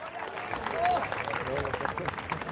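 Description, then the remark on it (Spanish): An audience applauds the Lord Jesus Christ steadily, dense clapping sustained throughout with a few voices calling out over it and a brief whistle-like tone rising above the noise. “Dele fuerte ese aplauso al Señor de Jesucristo.”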